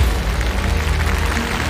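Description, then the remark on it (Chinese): An audience applauds steadily to welcome guests as they arrive, a dense patter of many hands clapping at an even loudness, with no voices standing out over it. “您看，他们来了，让我们掌声有请。”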